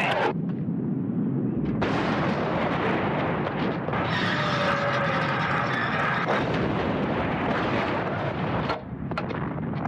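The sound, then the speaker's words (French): A sustained artillery barrage of 75 mm field guns at the Somme, thousands of guns each able to fire 20 shells a minute, heavy booming blasts rolling one after another with no pause, loud and dense, layered with rumbling echoes and crackling bursts. “Un canon de 75, ça peut tirer 20 obus par minute.”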